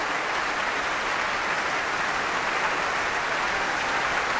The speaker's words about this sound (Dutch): En al die verschillende secties uit het orkest krijgen nu ook een prachtig applaus.